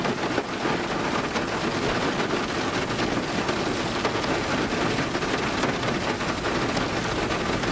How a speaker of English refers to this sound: How about this one, rain on a tin roof?